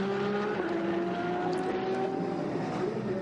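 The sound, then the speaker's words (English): A steady, loud engine whine with sustained harmonic tones that shift slightly in pitch as endurance race cars roar past on a circuit, including the Krohn Racing Porsche 907 getting past a Ligier, with no voices. “That's the Krohn Racing 907 Porsche to getting past the Ligier.”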